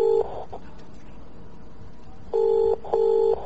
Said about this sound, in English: we're going to shut Jimmy Carr up once and for all by ringing his home answer machine and leaving it as a message. OK, let's just try that.